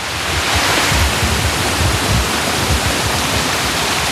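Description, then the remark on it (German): A steady, loud rush of falling water from a large artificial waterfall in a Himalaya greenhouse, built for the plants, fills the whole stretch: a dense continuous roar with no pauses and no voices over it. “Wir hören ja auch schon den Wasserfall im Hintergrund näher kommen.”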